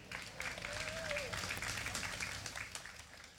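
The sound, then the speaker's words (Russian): Audience applause for the people working that day at the event locations, a dense, steady wash of many hands clapping at an even level, with a faint whistle-like tone rising briefly near the start. “Для начала мы одарим аплодисментами всех тех, кто для вас сегодня работает в этих локациях.”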